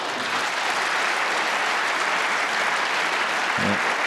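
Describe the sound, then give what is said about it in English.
Steady, dense applause from a large crowd at the Crucible during a snooker match, applauding a break, sustained evenly for several seconds as a continuous wash of clapping, with no voices standing out. “Applause from the 69. Crucible crowd.”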